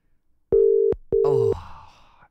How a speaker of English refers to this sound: Oh, it's really ringing for a long time, this one, isn't it? I reckon this is the longest ring out we've had.